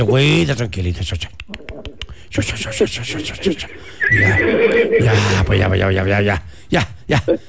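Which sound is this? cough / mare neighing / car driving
mare neighing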